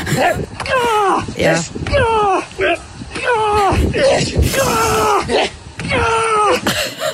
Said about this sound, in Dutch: Ja, hier hangt hij horizontaal aan een paal, terwijl dat er dus iemand met zo'n grote, zware tractorband op zijn buik beukt.